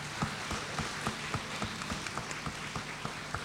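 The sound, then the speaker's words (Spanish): An audience claps in memory of Leocadio del Carmen Torres in a steady, even rhythm, sharp claps landing about four times a second over a low background hum, with no voices. “Vamos a recordarlo a mi padre Leocadio con un aplauso entre todos.”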